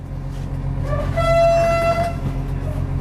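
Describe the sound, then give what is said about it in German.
An express train horn sounds one steady, fairly loud blast lasting about a second, after a brief starting toot, over a continuous low engine rumble, as the three-carriage express train no. 889 departs Vilnius main station in Lithuania at 6:45 in the morning. No voices. “Schnellzug Nummer 889 hat den Hauptbahnhof Vilnius in Litauen pünktlich um 6:45 verlassen.”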